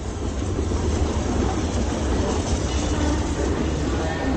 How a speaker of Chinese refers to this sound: 随着火车的一声长鸣，列车开进了站台。